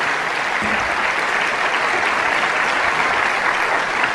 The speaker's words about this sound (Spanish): Amén. Vamos a darle un aplauso al Rey de Reyes.